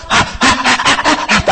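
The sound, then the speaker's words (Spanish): A voice mimics the excited breathing of a baby about to be fed at the breast: quick, rhythmic huffing pants, about six breathy bursts in a row, fairly loud, with no other sounds. “Hasta algunos, si es cierto, algunos hasta la respiración, y empieza a mover la cabecita.”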